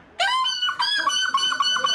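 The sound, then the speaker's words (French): A person loudly imitates a seagull, letting out a series of shrill, nasal squawks in quick succession, with no other sounds around it: the winning call at the final of the European seagull-calling championship in La Panne, Belgium, near Dunkirk. “Et précisément à La Panne, près de la frontière, non loin de Dunkerque, la finale du championnat d'Europe du cri de. De cochon. Non, de la mouette.”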